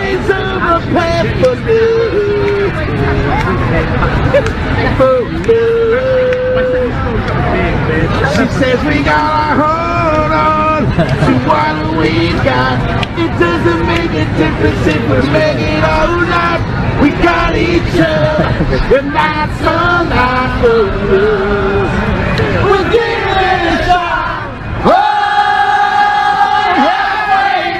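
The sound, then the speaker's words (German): A large crowd sings a pop hit together, many voices blending into a loud, steady chorus with cheers and shouts mixed in throughout. “Da sitzt so ein einsamer Kerl, vielleicht ein Obdachloser, auf einer Parkbank und fängt an, einfach diesen einen Hit vor sich hin zu trällern.”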